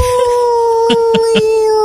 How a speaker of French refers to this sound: Oh, c'est un chat, ça, c'est le chat de Camille. Ah. D'accord, ok. Il appelle Diego le chat.